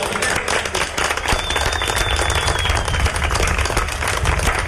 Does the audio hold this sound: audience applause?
yes